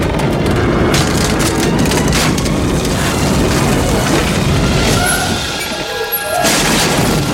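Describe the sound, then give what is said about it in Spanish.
Zorro pulls out a heavy wooden access ladder and jams it into the mechanism of a large turning mechanical wheel, with a loud, sustained grinding crunch and splintering clatter. Thin mechanical squeals rise briefly near the end before the noise eases slightly. “El zorro retira una escalera de acceso y traba con ella el mecanismo.”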